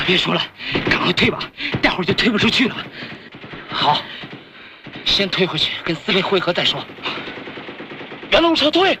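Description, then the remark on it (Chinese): Rapid bursts of machine-gun fire crackle through the scene, mixed with gunshots and loud shouting voices that rise over the din at several points. “根据我们的枪声来判断，一定有一部分敌人已经过了北哨岗。”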